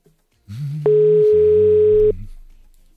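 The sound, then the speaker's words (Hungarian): A loud, steady telephone dial tone holds for just over a second, unbroken, over a low background hum, then cuts off abruptly as the line noise fades, while a phone call is being placed. “Robit fogjuk fölhívni most. Az ország összes Robija figyeljen és vegye föl a telefon.”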